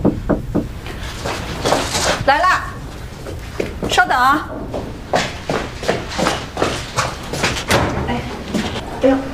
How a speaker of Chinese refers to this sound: 来了，稍等啊。哎，哎呦，怎么敲门啊？ 没钥匙啊？